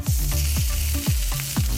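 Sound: sizzling frying sound effect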